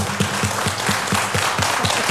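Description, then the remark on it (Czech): Guitarist Štěpán Rak taps steadily and rapidly on the body of his acoustic guitar on the Czech radio show Tobogan: about ten hollow, resonant knocks in two seconds, heard over a constant hissy wash of background noise. “Ano, to poklepávání, které slyšíte ze svých rozhlasových přijímačů, to nejsou řemeslníci, kteří by nezodpovědně pracovali.”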